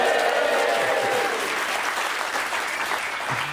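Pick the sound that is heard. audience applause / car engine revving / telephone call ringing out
audience applause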